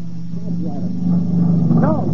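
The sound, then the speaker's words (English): A motorcycle engine drones with a steady low rumble that grows gradually louder, its pitch wavering slightly, while indistinct voices murmur over it. “What's that? Motorcycle.”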